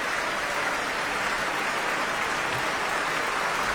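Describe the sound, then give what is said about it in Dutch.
Sustained, dense applause from a large concert audience for the sections of the orchestra, including the woodwinds, a steady wash of many hands clapping at an even loudness throughout, with no voices standing out. “En al die verschillende secties uit het orkest krijgen nu ook een prachtig applaus.”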